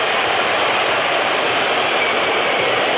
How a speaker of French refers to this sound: Vous entendez les sifflets. De nouveau pour un influenceur, High Show Speed.